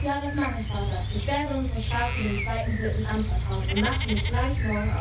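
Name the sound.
sheep bleating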